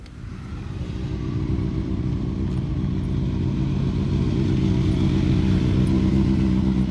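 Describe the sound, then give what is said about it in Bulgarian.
Motorcycle engines rev and rumble continuously in Varna at the opening of the 2026 motorcycle season, a loud, throaty roar that builds in the first second and then holds steady, with a rough clattering pulse underneath. “А по улиците на Варна моторният рев е все по-често срещан.”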